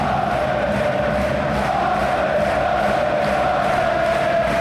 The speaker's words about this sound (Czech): Deset tisíc fanoušků už dlouho před zápasem skáče, tleská a zpívá. Strmé tribuny ještě umocňují tuhle podporu a hráčům samotným z toho naskakuje husí kůže.